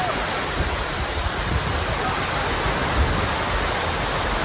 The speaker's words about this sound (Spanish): Pues eso es jarrear, ¿no? Eso es jarrear. Lluvia con rachas de viento que provocó, evidentemente, daños en los toldos y las tiendas de esta acampada en Sol.